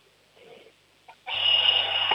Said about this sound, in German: Boah, das ist aber eine schrille Klingel.